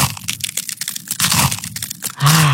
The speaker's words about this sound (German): Eiswaffeln knuspern, das ist so toll, das macht Spaß.